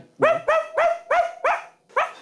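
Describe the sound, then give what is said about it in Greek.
A voice imitates a small dog barking, giving six sharp, high yaps in a quick, even rhythm, fairly loud with no other talking. “Τι ταλέντο κρυμμένο ήταν το σκυλάκι. Μπορείς να το ξανακάνεις άλλη μια φορά.”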